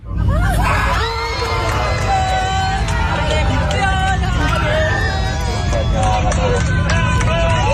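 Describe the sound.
A crowd of Argentine fans cheers and shouts continuously inside an airplane after the pilot announces that Argentina has won the World Cup final, a loud dense roar of many voices with whoops and excited yelling over a steady low engine hum.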